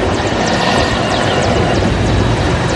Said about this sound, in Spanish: Durante la jornada, helicópteros sobrevolaron distintos puntos de la zona, mientras camiones castrenses y personal naval se desplegaron para continuar con las prácticas que serán presentadas durante el acto conmemorativo.